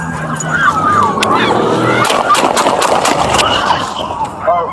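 A rapid burst of roughly eight sharp, loud gunshots rings out in the middle, amid a wailing siren, engine noise and people shouting in a busy street scene, as police in downtown Milwaukee, near Knapp and Water, fire at a vehicle that hit an officer, caught on body cam on July 5th.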